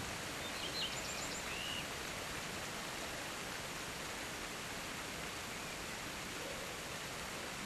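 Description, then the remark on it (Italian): Steady, continuous rush of running water in a village, like a stream or small waterfall, holding an even hiss throughout, with a few faint bird chirps near the start. “Il rumore dell'acqua e i bambini che giocano.”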